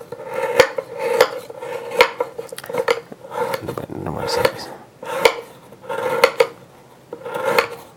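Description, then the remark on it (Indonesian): A knife slices bananas on a cutting board for blending, with crisp taps landing about once a second in an uneven rhythm, each a short clack against the board amid faint kitchen background. “Ini kan karena mau di blender mau saya iris-iris.”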